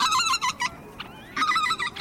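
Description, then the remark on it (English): A flock of white-fronted geese honking in quick, overlapping bursts, a lively run of calls, a brief lull, then another burst of clamorous, loud honks, with no voices. “Bar-tailed godwits from New Zealand, white-fronted geese and pintail from the lower 48, sandpipers that go all the way to southern South America.”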